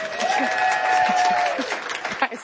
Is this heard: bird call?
no